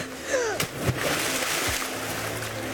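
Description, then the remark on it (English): A sharp splash as a thrown object drops into a river, followed by a steady rush of flowing river water that continues to the end. Faint vocal sounds may be briefly audible at the start. “No, it landed in the river.”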